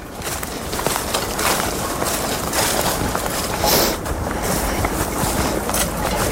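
Ice chiming and tinkling like wind chimes, a dense, steady shimmer of many small bright clinks running throughout, moderately loud, with no voices.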